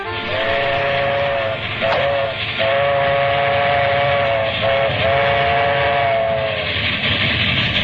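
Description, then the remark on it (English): A train approaching Grand Central Station in New York rumbles loudly and steadily while its whistle sounds in a series of long and short blasts, with no talking. “Well, Mamma Mia, any minute now, trains are going to be in a Grand Central Station, and then I'm going to be in New York.”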